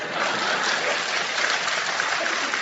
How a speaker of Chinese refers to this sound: 就是我每回读完这四句诗呢，都应该有人鼓掌。今天他们没鼓，我提醒一下。